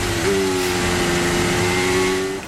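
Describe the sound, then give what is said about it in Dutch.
Lewis Hamilton's Formula 1 car engine heard from onboard at the Marina Bay Street Circuit, in fifth gear while warming up on medium tyres, holding a steady high-pitched whine for a couple of seconds over a broad roar of road and wind noise. “Onboordgeluiden zijn er op dit moment van de auto van Lewis Hamilton.”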